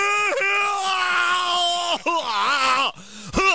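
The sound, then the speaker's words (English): A man loudly imitates how he violently retches when throwing up, a strained, drawn-out bellowing groan that wavers in pitch and breaks into a few short heaving bursts near the end. “I throw up like I'm yelling at somebody in traffic, you know, just.”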